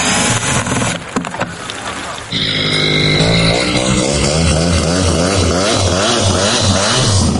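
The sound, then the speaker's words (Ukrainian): An attack drone's engine runs with its propeller spinning, opening with a burst of clattering noise before settling into a loud, steady, high-pitched whine that wavers slightly as it runs. “Камера показувала, він крутився, мотор працював.”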